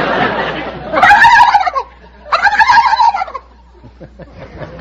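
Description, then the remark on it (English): A person on the quiz show You Bet Your Life imitates a turkey gobble: two loud, rapid warbling bursts of about a second each, with a short pause between them, followed by faint noise. “cackle like a gobble, like a gobble, turkey gobbler.”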